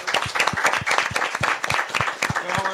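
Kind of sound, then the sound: crowd, applause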